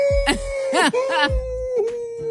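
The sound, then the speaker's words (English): A person imitates a wolf howl with one long, sustained vocal tone held at a fairly steady pitch, broken by a few brief breathy bursts and low thumps. “That's my sound of a wolf.”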